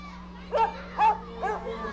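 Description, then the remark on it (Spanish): A small dog yelps three times in quick succession, short high-pitched cries spaced about half a second apart, over a low steady background hum; the dog has scraped its paw while playing. “Ese perrito se raspó la pata jugando.”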